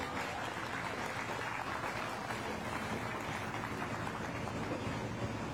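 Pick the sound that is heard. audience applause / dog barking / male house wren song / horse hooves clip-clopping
audience applause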